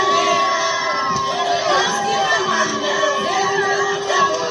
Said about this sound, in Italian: Quella che sentite in sottofondo è l'accoglienza che i capoverdiani hanno dedicato alla loro nazionale di calcio maschile